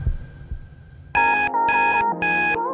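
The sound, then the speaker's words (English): A loud electronic alarm blares in three long pulses with short gaps, cutting in after a second of faint, thumping background music that keeps playing quietly underneath. “The aim of the game is to ignore the alarm sound and listen for the song in the background.”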